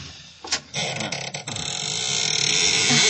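A stiff old door of a rented house, unlocked with a key, creaks slowly open on unoiled hinges, a long grinding groan with rough, rasping pulses that rises and swells in loudness over a few seconds, with no voices over it.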